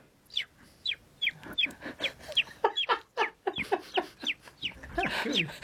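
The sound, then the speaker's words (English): A voice imitates a baby chicken, giving a quick run of about fifteen high, thin peeps in a steady rhythm, fairly loud, with the last few blurring together. “And then the other one is if you have a farmyard scene, I can do baby chicken.”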